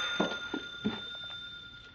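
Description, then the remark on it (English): A telephone, Rager's phone, rings with a steady, shrill electronic tone, broken by a few dull thumps, as if the receiver is being handled. No one speaks. “There, that's Rager's phone.”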